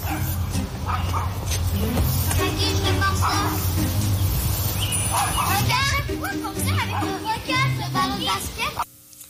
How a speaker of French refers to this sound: Qu'un chien qui jappe sans arrêt, mais sans arrêt de chez sans arrêt, là. On fait quoi de ça?